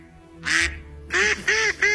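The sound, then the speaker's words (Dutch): A person imitates a duck, giving four nasal quacks: one on its own, then three more in a quick, fairly even run, each loud and buzzy. “dan heb je goed gekwaakt”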